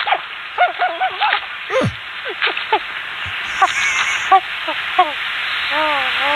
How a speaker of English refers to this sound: That's a loon? Yeah. That's loon mating?